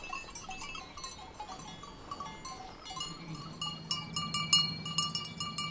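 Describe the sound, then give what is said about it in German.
Sheep of the Gurschelhof farm bleat while grazing on a mountain pasture slope over a steady, irregular clinking of many small livestock bells; a longer, low bleat swells in the second half. No one speaks. “Überall an den Berghängen grasen Schafe.”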